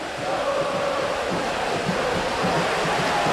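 The San Lorenzo football crowd sings together in the stadium through pouring rain while their team is losing 2-0, a steady massed chant with a faint sustained melody half-buried under the constant loud hiss of rainfall.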